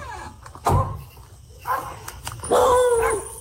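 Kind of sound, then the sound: animal, dog barking and whimpering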